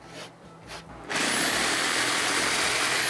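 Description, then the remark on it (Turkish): A power sander runs on wood, kicking in after a second of quieter scraping and then holding a loud, steady, hissing whir with a faint high whine, alone. “Bak bunu da zımparalayacaksın. Zımpara işi bana kitlendi buluyorum.”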